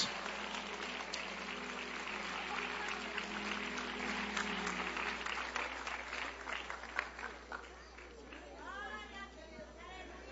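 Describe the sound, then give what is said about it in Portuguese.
An audience claps loudly and steadily for several seconds in applause to the Lord, a dense wash of many hands with voices calling out underneath, then the applause thins as a single voice rises over it near the end. “Mais forte os aplausos.”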